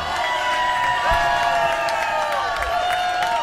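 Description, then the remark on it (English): A crowd applauds and cheers a polka band's drummer from Somerset, New Jersey, in a steady, dense wash of clapping, with sustained whistles and whoops riding over it and no one speaking. “Give a big round of applause, everybody, for our drummer,”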